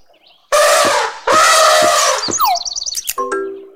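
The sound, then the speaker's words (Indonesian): An elephant trumpets twice in loud, brassy, harsh blasts, each about a second long, followed by a quick run of high squeaky chirps and a short buzzy note. “G. Gajah. G. Gajah.”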